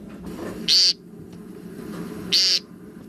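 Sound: american woodcock call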